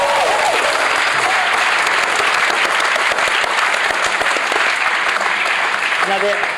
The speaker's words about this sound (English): Well, I think that deserves a round of applause, mate. All right, it's charming.